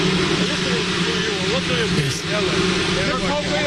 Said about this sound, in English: Are we hearing drones all the time now with Trump? It doesn't sound like the helicopter. Maybe it is, but it sounds like drones to me. Listen to the soundbite.